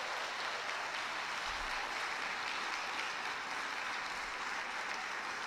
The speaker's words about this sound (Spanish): Pero rápido, démosles un aplauso para que vengan, porque no veo a nadie que se levante.